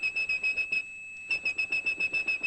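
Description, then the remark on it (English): A person whistles a steady, piercing 2600 hertz tone, the phone switching-system signal meaning a call had ended, in a quick string of short, even bursts, pausing briefly partway through before resuming. No talking. “That's the tone … whistled.”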